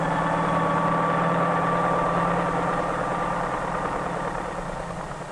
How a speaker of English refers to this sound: Flying over city traffic, the helicopter can land directly on the roof of the post office itself in a fraction of the time needed by mail trucks, thus greatly speeding the delivery of mail.